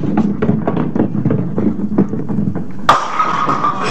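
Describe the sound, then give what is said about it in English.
A bowling ball rumbles low down the lane with a steady run of soft knocks, then slams into the pins with a sudden bright crash, knocking down all the pins for a strike, that keeps clattering and hissing until the end. “Hey, you knocked down all the pins, kiddo. That's called a strike, see?”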